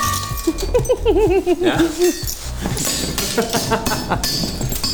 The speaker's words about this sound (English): One of my favourite bits of this whole thing is you just sitting on the floor smashing bottles on a pipe. Do it! It feels really good.